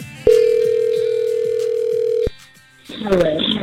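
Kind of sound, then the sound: signal or alarm, phone ringing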